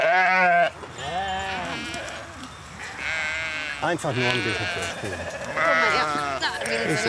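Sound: sheep bleating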